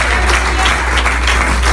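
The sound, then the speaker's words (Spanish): A church audience applauds God steadily, a dense wash of many hands clapping at once, sustained and fairly loud throughout with no voices standing out. “¿Será que usted le aplaude a Dios de la gloria en esta hora?”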